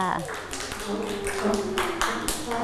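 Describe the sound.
Children clap their hands in a loose, uneven burst of sharp slaps, fairly close, while young voices chatter and call out over the clapping.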